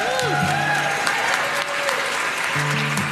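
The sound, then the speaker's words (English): Steady applause from a concert audience at the Reed Theater fills the whole stretch, a dense wash of clapping with a few faint tonal notes and murmurs underneath, fairly loud throughout. “And give yourself a big round of applause for being here tonight.”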